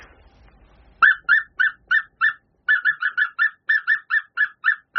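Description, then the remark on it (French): A person imitates an African cuckoo's call with a fast run of short, tonal whistled notes, about fourteen in steady rhythm with one brief pause, loud, no talking. “Alors c'est un coucou africain qui fait une espèce de son”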